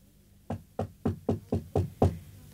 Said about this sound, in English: I was wakened by a soft, insistent knocking on the door.